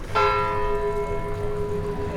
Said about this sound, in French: Oh, quelle chose magnifique que le son clair et émouvant d'une cloche qui très haut, au-dessus de nos têtes, nous parle à tous, du sein de la nuée, comme une puissante voix venue du ciel.